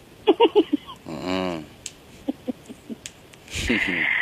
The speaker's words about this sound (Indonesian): Barusan ngarok. Iya, ngorok.